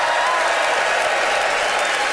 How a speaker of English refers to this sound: Listen to that crowd, Canada.